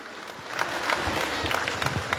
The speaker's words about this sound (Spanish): Fuertes los aplausos, hermanos, hay que despertar.